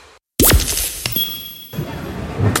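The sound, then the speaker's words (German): A mobile phone clatters to a hard floor with a sharp impact and a brittle crack of its screen breaking, followed by a faint ringing tone and some lingering rattles. “Oh nein, mein Handy. Oh komm schon, geh wieder an, komm.”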